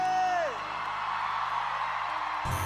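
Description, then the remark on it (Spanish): A loud shouted cheer for a singer opens with a voice whooping and sliding downward, then fades into a sustained roar of crowd noise lasting a couple of seconds before cutting off abruptly. “Dá um grito pro …!”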